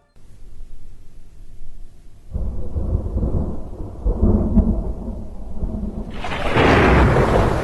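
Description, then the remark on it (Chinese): A night-time thunderstorm rumbles low and heavy, building into a louder roll of thunder midway, then a bright hiss of pouring rain sweeps in near the end. No one speaks. “又是一个雷雨夜，已经有18年了。”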